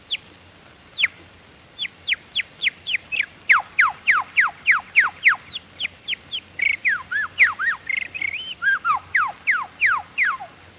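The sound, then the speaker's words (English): A person imitates birdsong with pursed-lip whistling, using the lips to start and stop each tone: a long run of clear, downward-sliding notes in a quick, steady rhythm, breaking briefly into a warbling flourish midway, with no talking. “All birds, while singing, use their beak to start and stop the tone. I do the same with my lips.”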